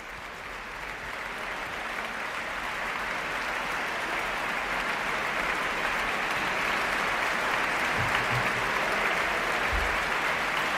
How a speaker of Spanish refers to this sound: La orquesta aplaude a la directora Irene Delgado Jiménez, que saluda a los cabezas de familia de la Orquesta Nacional de España, pone en pie a la orquesta y el público aplaude la interpretación de la Sinfonía número 2 en re mayor, opus 36 de